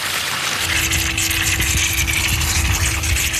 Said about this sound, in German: Oder es tut der Seitenabgang ein bisschen auf, dass es nicht gerade Druck gibt. In der Mitte auf, jetzt spritzt das Wasser raus hier.